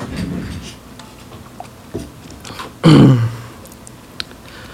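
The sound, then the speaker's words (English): Sipping of water: a few small mouth clicks and taps, then a brief, louder gulp or swallow in the middle, with quiet background noise around it and no talking. “Take a little water sip.”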